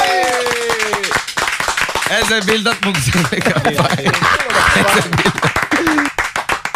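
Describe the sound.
An audience claps hands steadily and loudly throughout, a dense, fairly rhythmic patter of claps, while voices speak over the clapping.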